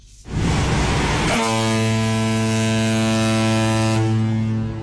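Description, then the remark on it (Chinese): A 5,000-tonne cargo ship sounds its deep, sustained horn loudly for several seconds as it sets off on the Pinglu Canal in China, over a broad rushing background noise, its steady low tone holding before the blast fades out. “随着5000吨级货船鸣笛起航，一艘艘货轮沿着134.2公里的新航道一路向南驶向北部湾。”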